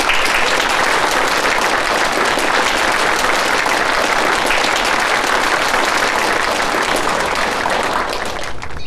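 A large audience applauds steadily, a dense, sustained patter of many hands clapping at full volume for nearly nine seconds before easing slightly at the end, with no speech.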